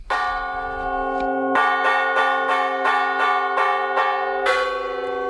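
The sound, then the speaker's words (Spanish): The church bells of the church at Las Médulas ring to signal a fire: loud, rapid repeated strikes layered over a long ringing hum, continuous throughout with no voices. “Las campanas de la Iglesia de Las Médulas llamando a fuego han puesto la banda sonora a esta jornada reivindicativa.”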